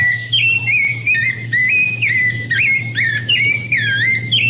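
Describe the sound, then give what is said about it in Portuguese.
A rufous-bellied thrush sings a continuous string of clear, fluty whistled phrases that rise and fall in pitch, heard alone over a low, steady background hum. “Canta aí, sabiá laranjeira, canta!”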